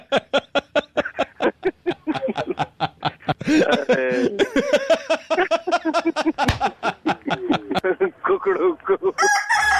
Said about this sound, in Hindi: एक काम करो, एक चीज बोलो। क्या बोलो? कुकड़ुकू।